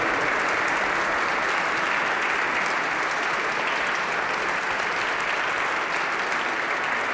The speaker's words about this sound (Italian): Facciamo un ultimo applauso a loro, così uniamo anche l'applauso per il coro da Camera Bonporti da Trento e Apollo da Bratislava, Slovacchia.